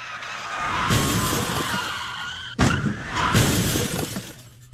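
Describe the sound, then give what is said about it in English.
Loud tire screeching and skidding followed by harsh crashing and shattering impacts, then a second burst of skidding and smashing, as a car in a police chase is wrecked along with six police cruisers; no voices, the chaotic noise fills the whole few seconds. “You totaled a car and a 6 police cruisers.”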